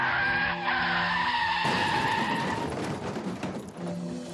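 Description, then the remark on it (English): Car tires screech in a loud, sustained squeal for a couple of seconds as a car crosses two medians and hits another car head-on, then give way to a harsh, rumbling burst of noise as the skid ends, with no voices. “The car that crossed two medians and hit her head on.”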